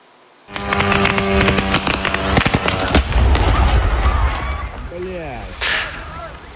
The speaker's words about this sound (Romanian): Am văzut, iată, explozia unei drone care a lovit în plin unul dintre depozitele acestui centru, aflat la sute de kilometri de graniță.